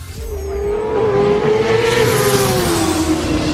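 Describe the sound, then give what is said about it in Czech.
A racing motorcycle engine screams at high revs, its pitch rising and falling in a sustained whine, loud for a few seconds with no talking. “A.k.a. zvuk motorky, tak prostě volejte.”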